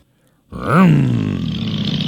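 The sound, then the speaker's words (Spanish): After a brief silence, a motorcycle engine of the Motoqueros Solidarios Concepción riders revs up with a sharp rise in pitch, then settles into a loud, steady, rumbling drone that continues to the end. “Ahora aquí están los chiquillos de las motos.”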